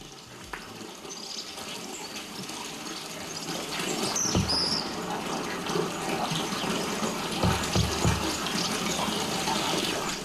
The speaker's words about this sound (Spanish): Agua. Chorro de agua de la fuente de la Villa Bregadero, también de Doroño, junta administrativa que pertenece al condado de Treviño. Ahí en la ladera sur, la vertiente sur de los montes de Vitoria, bajamos del puerto de Zaldiarán.